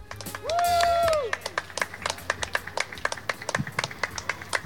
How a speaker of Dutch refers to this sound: Ja, ik vind het een bescheiden applausje. Dat is een bescheiden applausje.